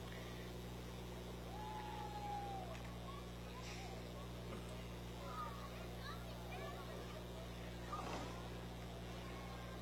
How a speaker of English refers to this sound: But right behind them, we have a 60 Impala. Letting the engine sing a little bit here,